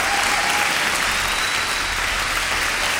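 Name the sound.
applause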